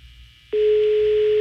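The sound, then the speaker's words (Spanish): A telephone ringing tone on a call to the phone of Alejandro de la Rosa, who does not answer: a steady, loud mid-pitched electronic tone begins abruptly after a brief low hum and holds unbroken to the end, with no voices. “Está sonando el teléfono de Alejandro de la Rosa.”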